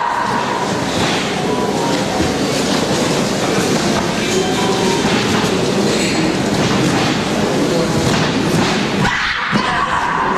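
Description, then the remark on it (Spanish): Loud, sustained applause from the two delegations, a dense crackle of many hands clapping at once that holds steady for about ten seconds, with faint voices mixed in. “Escuchamos aplausos de las dos delegaciones.”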